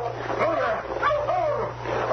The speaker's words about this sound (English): stop that dog there.